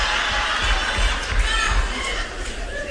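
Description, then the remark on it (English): A large audience calls out answers at once, a dense wash of overlapping voices shouting over each other, loud and sustained for a few seconds. “See how superstitious y'all are? Y'all screaming that out like we was at Family Feud.”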